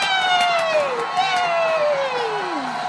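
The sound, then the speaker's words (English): A crowd of children at a circus cheers with high, loud voices that slide downward in pitch, while scattered claps patter through the first half, clapping for a dancing clown. “Ooh, let's clap. Yay!”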